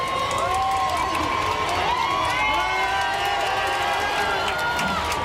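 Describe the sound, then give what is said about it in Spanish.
A large street crowd on Calle Goya roars continuously as the Pope appears in a white popemobile, full of cheers, whoops and excited shouting, with many high voices rising over a dense, loud wall of noise that never lets up. “hasta que finalmente en el fondo de la calle Goya aparecía ese papamóvil blanco con el papa a bordo y toda la calle Goya ha saltado en un grito de explosión.”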